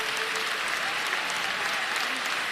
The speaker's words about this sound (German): Immer wieder gibt es für die Kandidaten tosenden Applaus, für Marie-Agnes Strack-Zimmermann aber auch Buhrufe.